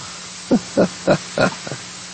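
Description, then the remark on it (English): A dog breaking wind: four quick, low, sputtering bursts in a steady rhythm, then a fainter fifth puff, heard alone without any talking. “One of the dogs just farted.”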